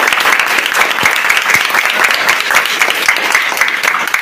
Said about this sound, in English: Round of applause.